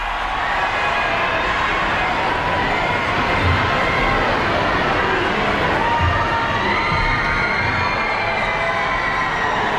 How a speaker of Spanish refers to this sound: El Papa que ya está ahora mismo en el exterior de la catedral, en el patio de la Seu, en Barcelona. Y ahora sí se puede escuchar los gritos del público que llevaba allí esperándole algunas horas desde esta madrugada.